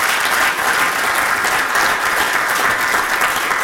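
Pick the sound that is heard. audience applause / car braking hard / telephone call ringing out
audience applause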